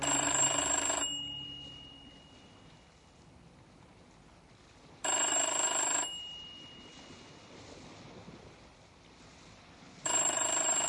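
A telephone rings three times, each loud, second-long ring spaced about five seconds apart, with a steady low rushing background filling the gaps between rings.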